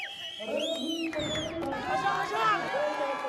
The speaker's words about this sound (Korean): 치열했던 경기가 끝나고 최선을 다한 양 팀 모두에게 아낌없는 박수가 쏟아집니다. 승리의 주역인 선수에게도 뜨거운 축하와 수고의 인사를 건넵니다.